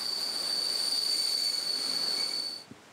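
A train pulled by a modernised SU-42 diesel locomotive of the Polish railway company PKP rolls along the rails near Kostschin on the former Ostbahn, with a steady, piercing high-pitched wheel squeal over a broad rushing noise, then the sound cuts off abruptly, leaving a brief soft thump. No one speaks.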